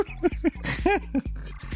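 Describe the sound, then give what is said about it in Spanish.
Short, pitched dog barks yap out a Christmas carol melody in quick rhythmic bursts over a steady, bouncing bass accompaniment, loud with no talking. “¿Para qué escuchan a perritos con sus villancicos?”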